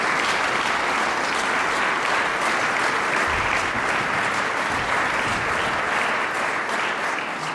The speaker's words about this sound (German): Zuerst empfängt das Publikum aber ihn und Sofia Muñoz mit herzlichem Applaus.